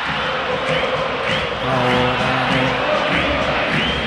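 A large crowd of Argentina football fans, all in Argentine shirts, sings a chant together before a match, a loud, dense wall of voices with a steady rhythmic melody and scattered shouts rising above it.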